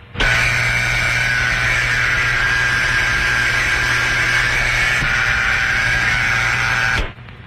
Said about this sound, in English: Take up your receiver and listen for the dial tone. Here's how it sounds.